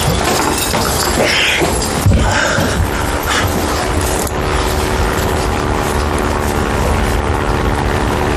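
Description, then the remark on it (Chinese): A loud, steady propeller-driven airplane drones overhead, its broad engine roar holding constant with slight tonal wavering throughout, no voices present. “是飞机，是不是谷主席来给我们送东西了？”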